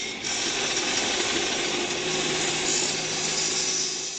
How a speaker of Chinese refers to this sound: 在机器轰鸣的施工现场